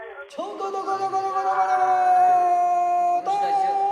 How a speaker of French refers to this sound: avec ce chant de marin enregistré en 1912 sur ce fleuve bleu, comme il était appelé à cette époque